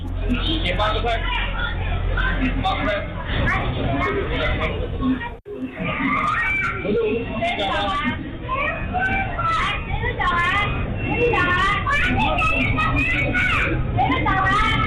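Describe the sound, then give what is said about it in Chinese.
Busy restaurant ambience in Changsha, recorded by a surveillance camera on the afternoon of 26 August: a steady crowd babble of overlapping voices with children's chatter and shouts, heard through a muffled, low-fidelity recording, with a brief dropout near the middle. “咱们先把时间拨回8月26号下午1:02，长沙那间餐厅的监控记录下了全部的经过。”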